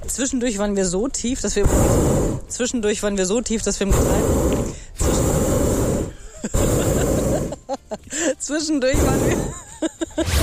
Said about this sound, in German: Aber wir haben so ein bisschen unterschätzt, dass eben diese Gasflamme unterm Ballon auch immer voll in die Sendung reinballert.